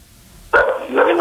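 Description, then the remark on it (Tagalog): A dog barks loudly over a phone line during a call-in to the Love Connect show, a sharp sudden onset followed by a sustained, slightly yelping bark with a narrow, tinny telephone quality and no talking. “Abay, mas malakas pa yung bati sa akin ng aso nyo kaysa sa'yo, ah.”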